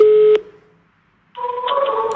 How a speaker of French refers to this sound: Devant son téléphone, les appels se succèdent, parfois infructueux